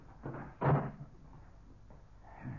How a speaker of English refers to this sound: Now, close this door.